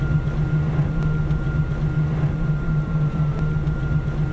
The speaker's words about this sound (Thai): แต่ตัวเนี้ยเราไม่มีเครื่องยนต์ที่เป็นสันดาปนะคะเราใช้พลังงานไฟฟ้า 100% เพราะฉะนั้นเราไม่ปล่อยคาร์บอนมอนอกไซด์ออกมาเลยแล้วก็อีกอย่างนึงคือเสียงเงียบมากค่ ะ เสียงเครื่องยนต์ไม่มีก็จะมีแค่เสียงมอเตอร์ไฟฟ้านิดหน่อยที่ปล่อยออกมา